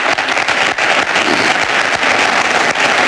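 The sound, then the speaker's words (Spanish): The audience at Florentino Pérez's election closing event applauds steadily, the dense clapping loud, a continuous wash of many hands with no pauses and no voices standing out. “Aplausos del público que asiste al acto de cierre de elecciones de Florentino Pérez, que sigue hablando.”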